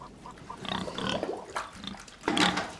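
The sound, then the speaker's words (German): Pigs kept by a self-sufficient family grunting and snuffling, a run of short, rough grunts with a louder squealing burst near the end, no voices present. “Mein Papa, der hat noch Schweine, wir sind ein bisschen Selbstversorger”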